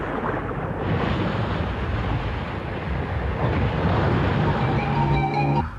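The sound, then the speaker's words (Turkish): Open-sea waves churn in a steady, loud, roaring wash that never breaks into distinct crashes. A faint tonal hum creeps in near the end, and no voices are heard. “Castillo sala doğru yüzerken dalgalar arasında yitip gitti.”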